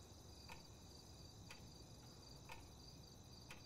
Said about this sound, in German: Na, wenn wir ganz leise sind, dann tickt dein Wecker ganz schön laut. Hm? Ja, stimmt. Das ist mir vorher noch nie aufgefallen.